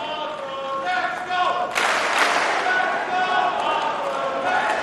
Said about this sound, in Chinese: 现场在喊着费里的名字，观众呢在给他加油鼓劲儿。